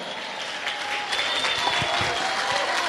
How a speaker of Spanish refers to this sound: Ponte de pie, dale un aplauso al Cordero.